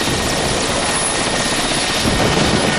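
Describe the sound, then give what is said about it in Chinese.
A steady, loud aircraft engine drones continuously with a broad rushing roar, unbroken, resembling a helicopter's rotor and engine noise throughout. “管不了那么多了，反正我一定要上你的飞机，请您批准。”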